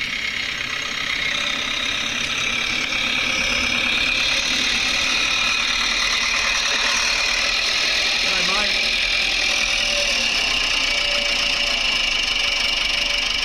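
A small red tractor engine idles steadily outdoors, a constant rough mechanical rumble that holds for the whole stretch without revving, with faint indistinct voices in the background.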